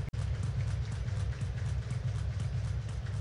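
Steady rain hisses across a ballpark during a baseball game, a constant wash of patter over a low rumbling background hum, with no voices standing out.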